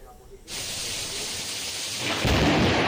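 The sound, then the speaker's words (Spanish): Heavy downpour in some municipalities of Murcia, Spain, bursts in after a brief quieter moment, a loud, dense, steady hiss of pouring rain, then a deep rumble of thunder swells underneath near the end. “Es la fuerte tromba de agua que ha caído en algunos municipios murcianos.”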